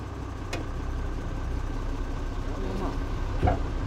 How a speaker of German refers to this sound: Okay, dann folge mir unauffällig mit deinem Trecker.